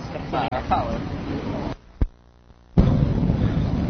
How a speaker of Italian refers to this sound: Direi che è buono. Adesso sta prendendo la pioggia. Qui sta piovendo, siamo all'assemblea conclusiva.